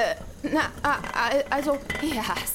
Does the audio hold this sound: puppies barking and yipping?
no